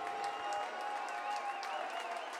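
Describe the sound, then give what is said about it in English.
A large baseball stadium crowd of Dodger fans roars and claps steadily in anticipation of a victory, a dense wash of cheering with a sustained tone and some whistling rising above it, building excitement. “The Tower Buzzers slash Dodger fans in the crowd tonight start to make some noise in anticipation of a victory.”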